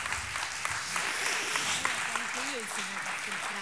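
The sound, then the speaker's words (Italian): An audience claps steadily and loudly for the full few seconds at a host's call for another round of applause for the participants, a dense wash of applause with a voice talking over it. “Prego, accomodatevi, un altro applauso perché sono stati veramente super.”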